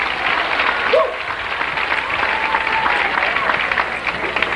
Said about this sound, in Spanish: ¡Dale un aplauso al Señor, que es bueno!